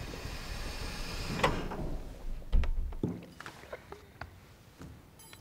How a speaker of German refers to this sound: Türen öffnen sich.